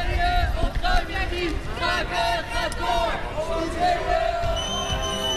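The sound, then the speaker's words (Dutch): A crowd of protesters shouts loudly and continuously, many overlapping voices raised in chanted slogans with a rough, agitated rhythm, over a dense background of commotion, as riot police lead them away between two officers during the eviction of a squatted pier in 2014. “Ze schreeuwen nog steeds hun leuzen, maar ze worden tussen 2 ME'ers meegenomen naar beneden.”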